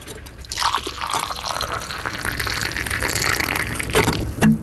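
Coffee pours steadily into a cup for several seconds on an old boat named Solbris at Fjæreholmen, a bright gurgling trickle with a rising fill tone, ending in a brief clink. No voices.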